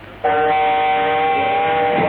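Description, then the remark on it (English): A loud, steady train horn sounds after a brief quiet moment and holds its rich, multi-toned blare for about two seconds without fading, alone with no talking. “We shall have to catch a train to Tangier.”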